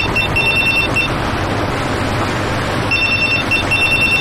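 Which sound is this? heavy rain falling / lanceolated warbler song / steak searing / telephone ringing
telephone ringing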